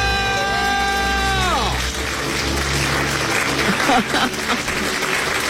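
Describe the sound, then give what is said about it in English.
Voices let out a long, loud celebratory debt-free scream after a countdown, sliding down in pitch, then bursts of clapping and cheering take over, staying loud until the end. “Let's hear a debt-free scream.”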